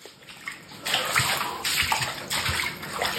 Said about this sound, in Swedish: Det är avloppsvatten som har pressats upp bakvägen av regnmängderna upp genom golvbrunnen i duschen.